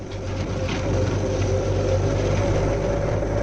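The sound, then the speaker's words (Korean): A steady, heavy engine roar from a column of several large ten-wheeled cargo trucks driving north to south along a big road at the foot of a mountain slope, sounding like aircraft; a deep continuous rumble that swells slightly and holds, with no voices. “이게 비행기 소리가 아니오? 비행기가 아니고 저게 자동차 부대입니다.”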